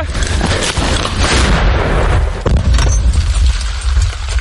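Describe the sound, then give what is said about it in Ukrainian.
A heavy artillery cannon of the 148th brigade fires, its deep, booming blast filling the low end and rolling out into a long, rumbling echo. Loud, with no voices. “Гармата насправді дуже гучна і потужна.”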